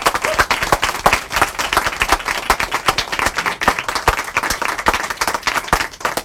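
A crowd applauds steadily, many hands clapping in a dense, even patter that holds at a fairly loud level for several seconds without any voices over it, after a book reading at an independent bookstore in Kingston.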